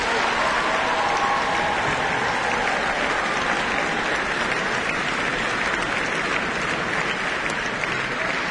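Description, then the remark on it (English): Sustained audience applause fills the whole clip, a dense, steady wash of many hands clapping with no break or fade, a big round of applause for choral composer and conductor David Childs, Tim Wainwright and soprano Madeline Perrard. “Big round of applause.”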